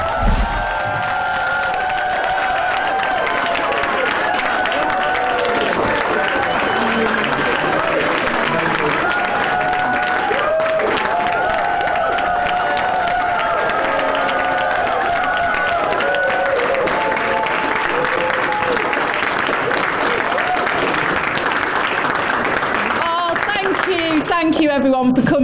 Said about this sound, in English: to this rally as she comes in with the new Labour MP for Holborn and St Pancras, taking in the applause.